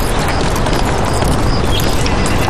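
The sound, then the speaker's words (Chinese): A Tibetan wild ass on the Qinghai-Tibet Plateau paws and scrapes at dry ground with its hooves, digging for water in a steady run of gritty thuds and scuffs that fill the whole stretch without pause. “这是藏野驴在青藏高原上获取水源的特殊办法。”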